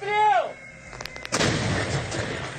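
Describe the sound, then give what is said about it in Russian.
A brief voice opens, then a few sharp mechanical clicks lead into one loud, heavy blast from an M-100S self-propelled howitzer of the 400th Self-Propelled Artillery Regiment, 90th Guards Tank Division, firing at enemy fortified areas on the Dobropillia direction, followed by a long rolling rumble that slowly fades. “Этот грохот означает одно – врагу не сдобровать.”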